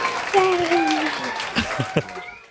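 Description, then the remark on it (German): A dense wash of applause crackles steadily for a couple of seconds, with a high voice-like tone sliding over it and a few sharper claps toward the end. “Das ist ein Applaus”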